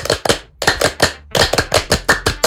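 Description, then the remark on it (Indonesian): A group claps out a brisk, patterned rhythm of sharp, loud hand claps in short bursts separated by brief pauses: the Scout clapping chant, tepuk Pramuka, with no talking. “Boleh nggak kalau kita tepuk Pramuka dulu?”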